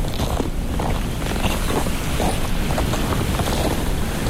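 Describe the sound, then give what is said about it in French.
Steady seaside ambience: constant wind buffeting the microphone over the low wash of waves, a dense, unbroken roar with no voices. “Ici, nous sommes légèrement abrités du vent. Au bord de la mer, des oiseaux, des insectes”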